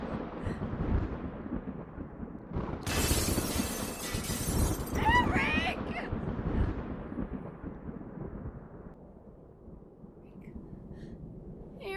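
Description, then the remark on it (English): A violent thunderstorm with darkening clouds and intense lightning, the storm just beneath the listeners: a steady low rumble builds to a sudden, loud crash of thunder with a bright shattering burst lasting a few seconds, then rolls on, while people gasp and breathe heavily. “The whole storm is just under us.”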